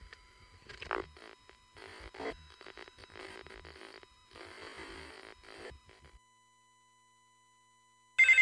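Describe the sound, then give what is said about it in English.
A telephone rings in several buzzing, electronic bursts over a low hum, then falls silent; after a pause a brief, louder tone cuts in at the very end. “My phone doesn't seem to be working.”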